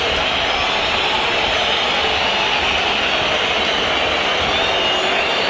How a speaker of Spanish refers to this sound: Aparece el arquero Cambeses, aparece el arquero de Racing. Se lo recibe con esta lluvia de silbidos.